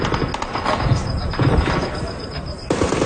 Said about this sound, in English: In video posted on social media, explosions and gunfire can be heard.